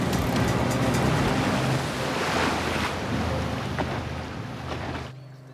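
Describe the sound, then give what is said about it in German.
A boat engine drones steadily over rushing waves and wind buffeting the microphone, loud, then is switched off abruptly near the end, leaving quiet. “den Motor aus!”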